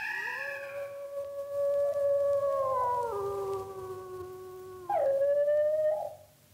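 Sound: wolves howling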